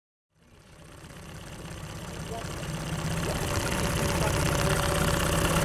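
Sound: wooden boat engine humming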